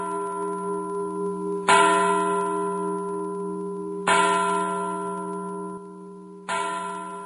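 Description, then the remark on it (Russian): An old Dutch clock standing in the corner of a hall slowly strikes midnight. Each deep, resonant bell stroke rings out and fades into a long hum before the next. Three strokes sound at an unhurried, even pace, with no voices. “Старые голландские часы, стоявшие в углу залы, начали медленно бить полночь.”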